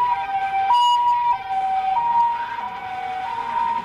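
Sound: sirens wailing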